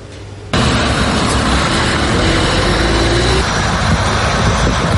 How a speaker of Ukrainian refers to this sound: Щойно автобуси із українськими захисниками перетнули кордон. Тут їх дуже гучно і дуже трепетно зустрічають.